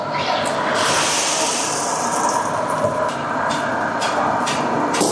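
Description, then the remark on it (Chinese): Loud, steady sizzling roar of glass noodles deep-frying in hot oil, a dense hiss broken by sharp crackling bursts throughout. “将之前准备好的粉丝下入油锅内进行炸制”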